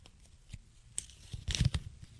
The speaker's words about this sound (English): They're folded up pieces of paper. I'm going to blindly grab one.